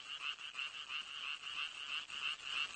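A dense chorus of male frogs croaking continuously, a rapid buzzing trill that pulses steadily throughout, moderately loud with no voices present; the frogs' inflatable vocal sacs resonate to make the calls loud.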